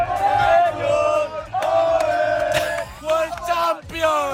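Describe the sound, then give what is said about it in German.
Hundreds of football fans watching the World Cup final at the Radio Wien public viewing in the Salettl am Campus, in Vienna's 9th district, roar and cheer together, sustained loud shouting and chanting with bursts of whoops and rising yells throughout. “Ja, und dementsprechend gut war jetzt aber auch die WM-Finalstimmung, auch beim Radio Wien Public Viewing im Salettl am Campus im 9. Bezirk.”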